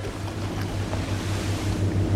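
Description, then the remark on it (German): A water taxi's boat motor drones steadily on open water, a low rumbling hum with wind and water noise washing over it, constant throughout. “Das ist das Wassertaxi.”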